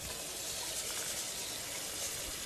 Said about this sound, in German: Und dann wasche ich den Reis.